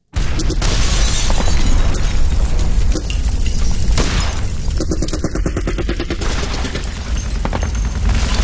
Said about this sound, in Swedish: Den 24 maj 1940 vaknar Trotsky och Sedova av explosioner och gevärseld. Klockan är 4 på morgonen. Den sömnige Trotskis första tanke är att det är nyårsraketer som avfyras med anledning av någon fest i kvarteret. Men explosionerna är för nära.